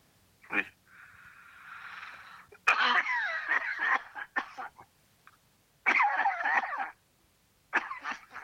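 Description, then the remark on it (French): Harsh bursts of heavy coughing come in several rough fits, separated by a long wheezing breath and short pauses. No one speaks. “T'as une sacrée toux, hein.”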